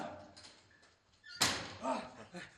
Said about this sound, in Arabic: افتحوا الباب بسرعة! ماذا حدث؟